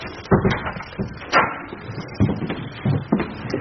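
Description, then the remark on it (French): A door is being shut, with several knocking thuds and a soft clunk as it swings closed, followed by a few quieter bumps. “Vous pouvez fermer la porte, là.”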